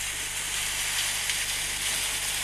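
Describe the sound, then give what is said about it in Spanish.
Steady rain falls in Entre Ríos province, a dense, even hiss with a crackly, sizzling texture and no pauses. A faint low hum sits underneath, and no one speaks. “¿Querés escuchar cómo llueve en Entre Ríos?”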